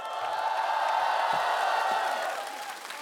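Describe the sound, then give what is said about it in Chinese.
A crowd applauds and cheers steadily for about three seconds for a young singer who performed the first song, a dense wash of clapping with scattered shouts and whoops, easing off slightly at the very end. “来，掌声给我们青年歌手的第一首歌的演唱者”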